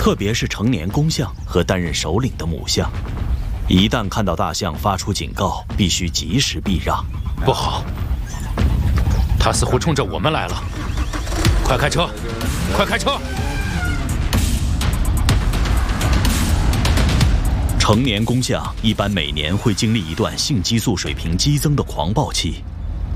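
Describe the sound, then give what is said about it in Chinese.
Loud, repeated warning calls from an elephant calf, which bring its mother: harsh, honking cries with wavering pitch that come in quick bursts over a steady low rumble for the whole stretch. “幼崽的警告声引来了他的妈妈，快开车吧。”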